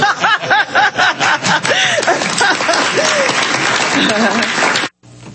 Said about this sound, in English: That's right, you can applaud for that.